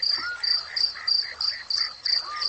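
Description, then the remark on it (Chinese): Male crickets chirp to court females in a steady, rapid rhythm, each bright, high trill repeating about three times a second. The chorus is continuous, with no voices. “蟋蟀也按捺不住自己躁动的心，也奏起了交响乐。”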